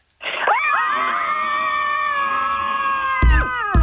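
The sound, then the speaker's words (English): A group of women of the Sydney Scream Club scream together on the count of three in one long, sustained, high-pitched cry that holds steady for several seconds before breaking into a few short bursts at the end. “Join us for Sydney Scream Club. Girls, on the count of three, let it all out.”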